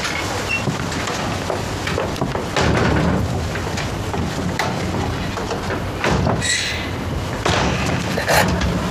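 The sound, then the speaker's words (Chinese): A long string of firecrackers crackles nonstop, loud, a dense rapid popping with sharper, heavier bangs breaking through now and then, and no voices. “林总来了，出来放鞭炮。”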